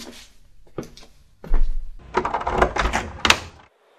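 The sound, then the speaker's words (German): A door that orcs had guarded is pushed open with a low thud and a burst of creaking, scraping rattles, preceded by a few soft clicks and knocks, without any voices. “Die Orks haben diese Tür hier bewacht.”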